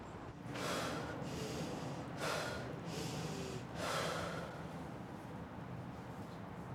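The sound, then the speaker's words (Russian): Audible breathing during a breathing exercise, inhaling, holding the breath, then exhaling: three loud, breathy rushes of air in the first few seconds, followed by quieter steady breathing with no talking. “Вдыхаешь, держишь 10 секунд, и уже потом выдыхаешь и дышишь нормально, получается.”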